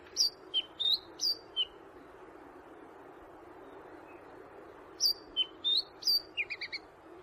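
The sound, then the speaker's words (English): Chatham Island black robin song: two bursts of clear, high whistled notes, each a quick run of four to six phrases, separated by a few seconds of quiet with a low steady background hum. “The winner of Bird of the Year for 2026 went to the Chatham Island Black Robin, who won for the first time and received over 25,000 votes.”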